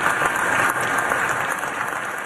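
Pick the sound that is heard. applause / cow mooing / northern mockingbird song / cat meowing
applause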